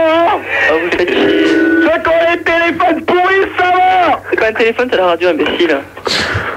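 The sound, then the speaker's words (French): A radio plays loudly, its talk broadcast steady and compressed with barely a pause, a faint low hum running underneath the voices throughout. “C'est quoi un téléphone, c'est la radio, imbécile.”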